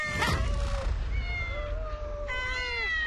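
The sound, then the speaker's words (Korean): Several cats meow in overlapping, wavering calls, clear, over a low rumbling background with no one talking. “웬 야옹 야옹?”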